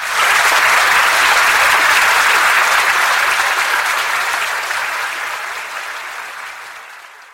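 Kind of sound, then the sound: crowd, audience applause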